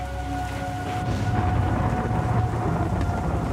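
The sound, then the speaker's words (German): A steady thunderstorm: low, continuous rumbling thunder rolls under dense rainfall, with gusty wind noise, loud throughout, no voices. “Zuerst hoffst du halt einmal, dass es dabei irgendwo überstehen, das Gewitter, oder?”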